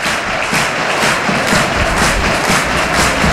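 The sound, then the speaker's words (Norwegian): A large stadium crowd at a Molde FK football match roars and cheers in a steady, loud wash of noise that holds for a few seconds with slight swells, and no single voice stands out. “Våkne publikum, herlig.”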